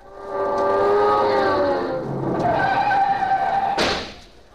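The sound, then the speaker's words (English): A car carrying several people roars away across a street in Hollywood with a loud, drawn-out squeal of tires that wavers in pitch for several seconds, ending in a sharp burst of noise before fading out. “Boy, that's the fastest I ever crossed the street in Hollywood.”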